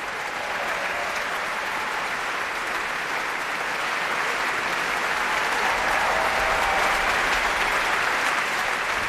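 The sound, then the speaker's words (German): Sustained, dense applause from a sold-out audience at the Isar Philharmonie in Munich, celebrating the Munich Philharmonic, its new chief conductor Lahav Shani and pianist Martha Argerich: a steady wash of many clapping hands that stays loud throughout with no pauses and no voices standing out. “Ausverkauftes Haus hier in der Münchner Isar Philharmonie und das Publikum feiert seine Münchner Philharmoniker und den neuen Chefdirigenten Lahav Chani, aber es feiert natürlich auch einen Weltstar am Klavier, die Pianistin Martha Argerich,”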